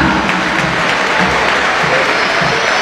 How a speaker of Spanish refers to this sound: Marcos Acuña. Otro no salió de aplauso, ¿no? Sí, se ganó los aplausos.